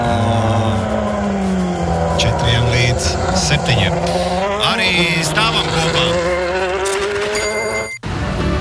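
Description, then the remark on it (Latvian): A loud Red Bull formula race car engine roars and revs up and down through gear changes on the streets, continuous, with a man talking over it until a sudden cut near the end. “Redbu formula ir ielās.”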